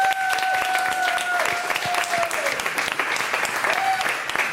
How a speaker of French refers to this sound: déjà on peut l'applaudir. Bravo!